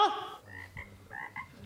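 A frog croaks in a quick series of short, throaty calls, with an initial louder burst and then several rhythmic croaks in quick succession, fairly quiet and with no voices.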